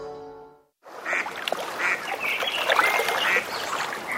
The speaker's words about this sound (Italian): La senti? È l'armonia del lago.